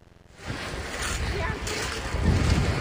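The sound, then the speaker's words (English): Waves wash steadily against the rocky beach of Griswold Point in Old Lyme, Connecticut, at the mouth of the Connecticut River, a continuous roaring surf that builds louder toward the end, with gusts of wind buffeting the microphone throughout. “At the mouth of the Connecticut River is Old Lyme's Griswold Point, a gorgeous rocky beach that's crowded with visitors today”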